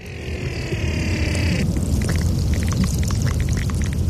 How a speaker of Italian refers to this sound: Perché ci sono suoni che sono nascosti nel ghiaccio, che si possono ascoltare con idrofoni, che sono microfoni acquatiche.